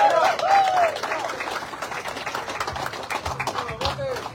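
A crowd applauds the third-place team at the prize ceremony of the Día del Marino tournament, with dense, steady clapping throughout, while a few brief high whistles or cheers rise over it near the start and again toward the end.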